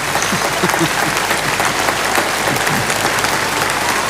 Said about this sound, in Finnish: Yleisö hurraa seisaltaan. Tämä on ainutlaatuista ja hienoa.